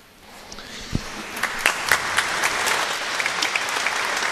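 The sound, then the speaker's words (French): An audience in the Collégiale Notre-Dame et Saint-Domitien in Huy breaks into applause as the exit procession sets off at the close of the septennial festivities. The applause swells from a few scattered claps into steady, dense clapping, a broad crackling wash with sharper individual claps standing out, and no voices. “Et c'est sous les applaudissements de l'Assemblée que la procession de sortie va se mettre en route dans cette collégiale Notre-Dame et Saint-Domitien de Huy, accompagnée des sonneurs.”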